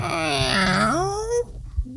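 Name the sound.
squeaky microphone being turned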